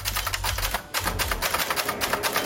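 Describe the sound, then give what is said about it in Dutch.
Rapid mechanical typewriter keystrokes clatter in quick irregular bursts, clear, with a low hum underneath and no talking, as someone writes on a typewriter during a typewriter-writing campaign. “Typemachine vergt een andere focus als je schrijft.”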